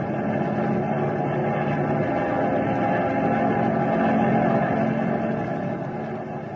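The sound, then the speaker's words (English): A steady, loud engine drone fills the whole stretch, a dense low rumble with constant mechanical hum and no pauses, as an aircraft with a hot engine strains to climb over turbulent air. No voices are heard. “We can fly over it if that hot engine will take it.”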